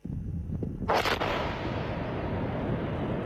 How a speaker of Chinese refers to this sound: 塞北某地腾空而起一团沙尘，随着某型导弹顺利着靶成功爆炸，火箭军某部某型装备的试验鉴定进入了尾声